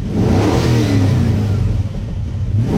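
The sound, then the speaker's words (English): A car engine revs loudly and steadily, its low throaty rumble rising and holding for a few seconds with no voices. “Sounds like a car.”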